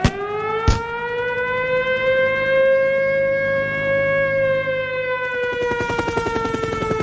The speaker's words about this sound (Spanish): Suena sirena.